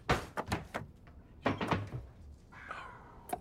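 A son yanks kitchen drawers open and rummages through them, giving a quick run of wooden knocks and clatters followed by a brief sliding scrape and one last sharp bump.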